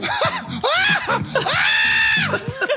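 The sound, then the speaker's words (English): A dog gives a run of loud, high-pitched whining cries, several short rising and falling yelps leading into one long, drawn-out wail, with no one talking. “What is that sound? God, dog.”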